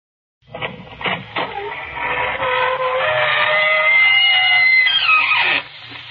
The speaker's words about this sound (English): Good evening, friends of the Inner Sanctum. This is your host inviting you through the squeaking door for another episode in the eerie.